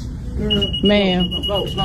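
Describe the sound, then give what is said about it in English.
A steady, high-pitched electronic alarm tone sounds continuously, a store security alarm going off because items have not had their tags taken off, while people talk loudly and excitedly over it. “The beep, because things haven't had the tags taken off. Yeah. It's going off, and the woman's saying, ma'am, ma'am.”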